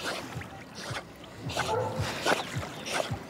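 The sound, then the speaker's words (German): Water splashes and sloshes in repeated bursts as a dog swims in a lake, with a few soft whimpers and yips mixed in over an outdoor background. “dann kann man auch richtig schön mit der schwimmen, entspannt am See”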